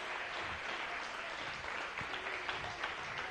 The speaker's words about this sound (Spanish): Dale un aplauso.